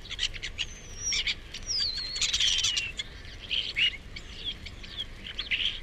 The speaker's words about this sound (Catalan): Estornell comú. Esturnus vulgaris. Au temuda pels pagesos, que trobem tot l'any als camps de conreu.